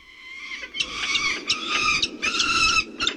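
A falcon's shrill, harsh calls sound in a rapid series of four or five strident bursts, loud, with no talking over them.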